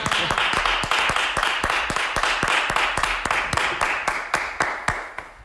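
An audience applauds steadily for several seconds, a dense wash of clapping punctuated by sharp, evenly spaced claps, holding loud throughout with no voices.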